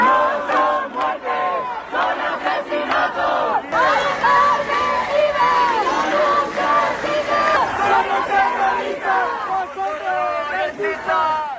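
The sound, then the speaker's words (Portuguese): A large crowd of protesters shouts and chants together in front of the Congress of Deputies in Madrid, in loud, overlapping voices, rising into rhythmic collective cries that continue steadily throughout. “Os manifestantes gritaram que Mari Carmen não morreu, foi assassinada.”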